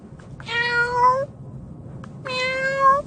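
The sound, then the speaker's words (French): A small cat meows twice as a sound effect, each call drawn out and rising slightly, with a short pause between them. The meows are clear, over a faint low background hum. “Et non, ce n'est pas votre chat à la maison qui miaule. C'est un petit effet sonore pour parler d'animaux”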